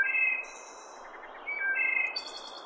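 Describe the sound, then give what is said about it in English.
A bird's clear, bell-like whistled call, sustained ringing notes followed by a rapid, high-pitched staccato trill that repeats, heard alone over a soft, hissy background. “Chances are pretty good you've heard its clear as a bell call that ends with a staccato machine gun like trill.”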